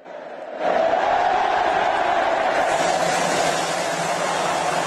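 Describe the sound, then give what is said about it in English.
A huge crowd of about 2 million people roars and cheers jubilantly as it greets the champions at an open-top bus victory parade in Madrid, Spain, a dense wall of voices swelling in after a brief quiet start and holding steady and loud throughout. “And a far more jubilant 2 million strong crowd greeted the champions in Madrid.”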